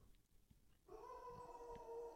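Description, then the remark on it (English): A dog lets out a long, steady howl that starts abruptly after a quiet moment and holds its pitch, fairly loud, with no talking over it. “That was a howl.”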